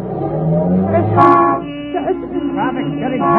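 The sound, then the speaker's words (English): Dense street traffic with several car horns honking over one another, loud sustained blaring tones shifting in pitch above a steady rumble of engines. “Traffic's getting heavy. We're almost bottled up.”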